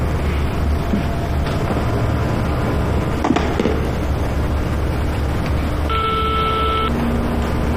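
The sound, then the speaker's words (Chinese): A telephone dial tone sounds briefly near the end as a call is being dialed, a clear electronic beep over a steady, noisy background hiss and rumble. No one speaks. “要不我再给他打个电话？”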